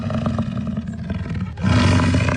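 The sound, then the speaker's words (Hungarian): An American bison bellows in a deep, rough, sustained rumble that swells noticeably louder and fuller partway through, with no voices present. “Igen, ez egy bölény volt, méghozzá az amerikai bölény, amely egykor Mexikó északi részének jellegzetes állata volt.”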